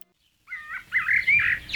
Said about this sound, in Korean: 지금 자연은 대만 타이베이 푸양 에코공원의 연못에서 들리는 개구리들의 합창입니다. 배전박이 개구리, 면천청개구리, 줄무늬 범행꽁이의 노래인데요.